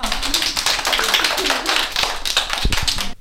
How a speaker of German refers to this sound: Sehr schön. Alle mal klatschen. Ja.